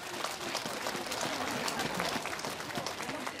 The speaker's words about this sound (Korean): 봄날의 햇살처럼 따뜻한 무대를 만들어주신 연화사 연꽃 합창단에게 다시 한번 큰 박수 보내주시기 바랍니다.